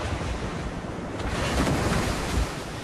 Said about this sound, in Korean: 거대한 파도가 깎아지는 절벽에 부딪히며 엄청난 굉음이 들려왔습니다.